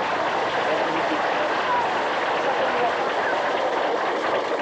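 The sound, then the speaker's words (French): A crowd claps steadily, a dense, even wash of many hands that holds at a constant, fairly loud level for the whole stretch, with no voices standing out. “On va peut-être déjà applaudir.”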